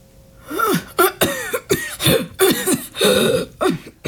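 A long coughing fit into a handkerchief held over the mouth, in a herbal medicine shop near 10 p.m.: about eight harsh, rasping coughs in quick succession over four seconds, slightly muffled, with wheezy breaths between them and no speech.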